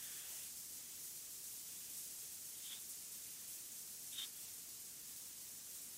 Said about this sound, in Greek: Βάζει και το σπρέι για το που πρέπει να είναι εκεί ο Μαφέο με το Φορτούνι που αποτελούν το τείχος των πυρεωτών.